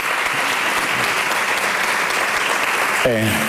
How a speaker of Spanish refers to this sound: Un homenaje que fue recibido con una gran ovación por parte del público asistente.